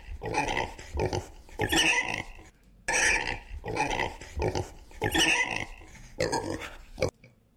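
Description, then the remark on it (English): A pig, Ivan the Blues Pig, grunts and snorts loudly in a run of about six rough, throaty bursts with short pauses between them, and no talking alongside. “So, Ivan, what do you, Ivan the Blues Pig, everybody?”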